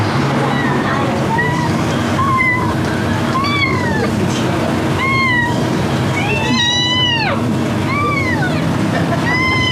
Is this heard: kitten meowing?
yes